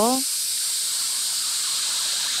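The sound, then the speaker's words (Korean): A steady, bright sizzling hiss like chicken frying in oil, also a little like crickets, runs without a break for a couple of seconds, voiced by comedian Hong Yun-a imitating the sound with her mouth after a brief vocal onset. “아, 치킨 튀기는 소리가 약간 어디서 익숙한 소리인 것 같기도 하고 살짝 귀뚜라미 소리 같기도 하네요.”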